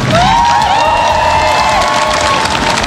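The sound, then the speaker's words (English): A large crowd of supporters on Downing Street, London, cheers and applauds loudly and continuously as they greet Andy Burnham, the new Prime Minister, with high-pitched whoops and shouts rising over a dense bed of clapping. “He's been welcomed by staff into Number 10 after being greeted by a large crowd of supporters on Downing Street.”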